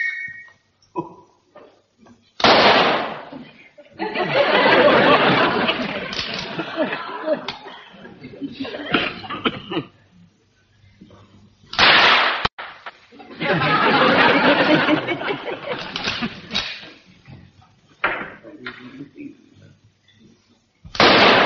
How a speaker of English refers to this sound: I'm going to fire a few rounds so that you'll get the idea.